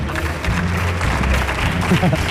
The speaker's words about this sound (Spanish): ¡Fuerte el aplauso para don Pedro Almodóvar! ¡Fuerte el aplauso!